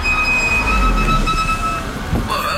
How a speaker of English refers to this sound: Brakes are hard to miss. Yeah, they've been making some noise. Yeah, that's usually worn pads.